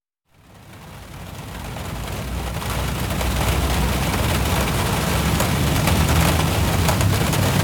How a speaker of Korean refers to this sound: 가는 길에 긴급 체포처럼 갑작스러운 소나기가 쏟아졌다.